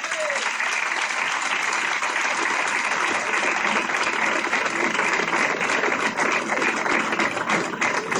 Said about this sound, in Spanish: Yo creo que es el momento de que esta magnífica obra y su autor se lleven otro gran aplauso.